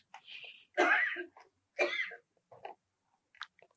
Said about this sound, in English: God bless you.